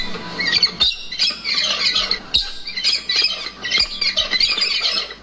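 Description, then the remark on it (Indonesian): Harsh, raspy bird squawks in dense overlapping bursts, loud, from a white cockatoo (alba) calling in the Halmahera forest, North Maluku, with a few sharp clicks and no talking. “Kicauan burung itu salah satunya terdengar dari satwa kakatua putih atau alba yang nyaris punah di hutan Halmahera.”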